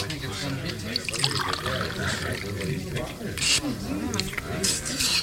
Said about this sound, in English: Now he's drinking the water. It must be all right, then.